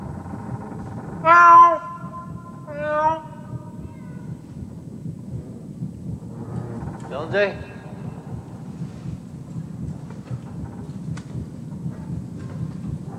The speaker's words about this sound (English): Here, kitty. Meow. Here, Jonesy.